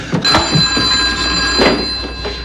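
A telephone rings in a house in Rockaway with a bright, sustained bell tone running throughout, while a few sharp knocks and clatters sound.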